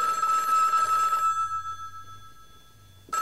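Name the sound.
telephone ringing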